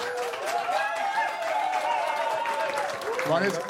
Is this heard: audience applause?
yes